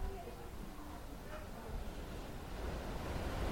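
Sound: ocean surf waves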